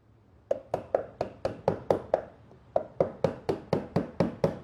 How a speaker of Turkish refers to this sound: Bunlara yama yapmak için bu sandıkla aynı dönemden kalma maun ağacı çekmece tabanlarım var. Tamiri yapacağım yeri belirginleştirmek için... Keski kullanacağım, yama yapacağım, çekmece tabanından parçayı keseceğim ve yerine yerleştireceğim.